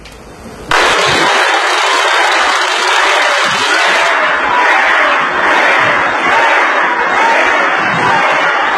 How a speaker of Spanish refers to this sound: Tenemos incluso los abucheos. Vamos, no es un tema personal. Abucheo para la persona.